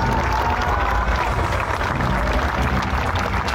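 A large audience applauds steadily for a children's and youth orchestra from Huajuapan de León, Oaxaca, a thick wash of many hands clapping at once with a few cheers mixed in, staying loud and even throughout.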